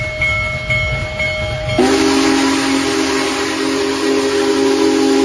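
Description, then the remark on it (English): Union Pacific's Big Boy, the world's largest operating steam locomotive, rumbles along, then its whistle lets out a loud, sustained blast that holds steady for several seconds over the chugging train noise. “The world's largest operating steam locomotive, Union Pacific's famed Big Boy, travels”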